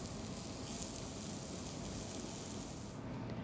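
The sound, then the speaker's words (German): Steady, crackling sizzle of roulade slices, brushed with olive oil and held together with toothpicks, grilling in a hot pan, continuous with dense popping and hiss, no voices. “Die Roulade schneidet Oliver Skopnik in Scheiben, bestreicht sie noch mit etwas Olivenöl und grillt sie in der heißen Pfanne.”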